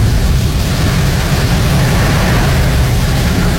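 Heavy rain pours down in a steady, dense hiss with a deep low rumble underneath, loud and unbroken for the whole stretch, with no voices.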